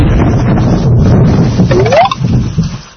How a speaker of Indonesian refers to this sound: Guntur atau disebut juga guru adalah suara menggelegar di langit karena petir. Petir menyambar dan cahaya terang. Petir selalu terlihat lebih dulu dibandingkan suara guntur yang menggelegar.